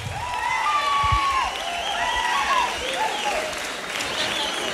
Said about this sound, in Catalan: Fort aplaudiment per dos duets icònics